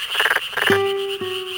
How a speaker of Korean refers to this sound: 여름철 농촌의 논에서 흔히 들리는 소리 끄르르륵 끄르르륵. 이 참개구리의